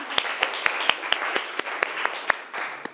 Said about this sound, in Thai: ขอเสียงปรบมือให้ตัวแทนจากกลุ่มที่หนึ่งด้วยนะคะ